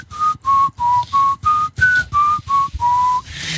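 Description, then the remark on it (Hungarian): A whistled phone wake-up alarm tone: about nine short, clear whistled notes at a similar mid pitch, repeating in an even, steady rhythm, fairly loud and with no one talking. “Mert nekem ez az ébresztő hangom.”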